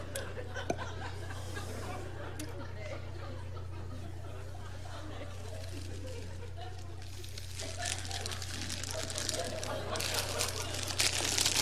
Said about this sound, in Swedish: Ja, men du gett ju sluta och prassla med pussan.